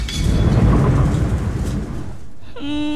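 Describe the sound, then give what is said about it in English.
Heavy rain roars with wind under a deep, rolling thunder rumble for about two seconds, loud, at midnight in Malaysia, then fades as a steady, buzzy tone takes over near the end. “The rain made them all wet.”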